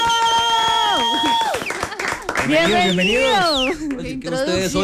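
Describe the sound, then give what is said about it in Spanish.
An audience applauds to greet two guests, steady clapping mixed with loud cheering and rising, gliding whoops and shouts from many voices, the noise swelling and staying strong throughout. “Y quiero que los saludemos con un fuerte aplauso.”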